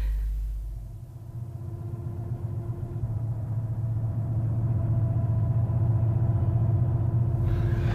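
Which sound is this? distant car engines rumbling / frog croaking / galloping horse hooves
distant car engines rumbling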